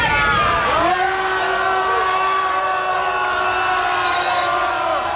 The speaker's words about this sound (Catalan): Amb crits de vergonya, vergonya, ja ho sentiu.